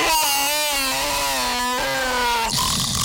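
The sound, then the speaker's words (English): Someone imitates a lion's roar with a loud, sustained, raspy growl held for a couple of seconds, briefly wavering, then breaking off into a harsh breathy rush at the end. “Yanko lion.”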